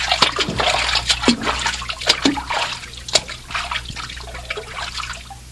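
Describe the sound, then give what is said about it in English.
Someone wades through cold river water, each step stirring up irregular sloshes and splashes over a steady trickling background, with no talking. “The water's cold.”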